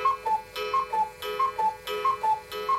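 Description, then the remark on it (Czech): A cuckoo clock ticks steadily, a brisk alternating tick-tock with a faint metallic ring on each beat, heard alone at moderate volume without any voices. “Kukačkovi jedny kukačkové hodiny.”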